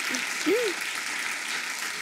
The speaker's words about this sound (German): Und ich werde ja jetzt passend dazu nächste Woche 46. Applaus. Vielen Dank.